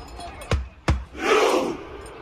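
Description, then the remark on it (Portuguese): A stadium crowd of Norway football fans performs the Viking clap at the Cup: two loud, evenly spaced booming claps followed by a rising, sustained roar of massed voices. “A remada viking fez sucesso.”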